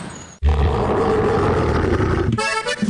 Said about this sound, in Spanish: Así va a rugir el Estadio El Campín, 7 de noviembre.